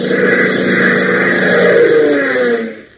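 A loud, steady roar of a twin-jet aircraft climbing toward stratospheric heights sweeps past with a slowly falling pitch, holding strong for a few seconds before fading away at the end. No voices.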